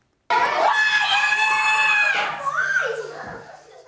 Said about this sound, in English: We're just going to play you shouting it one more time so you don't have to do it live for us on air. So let's just have a listen to you one more.